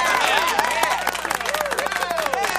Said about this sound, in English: And we always have our studio audience gives applause.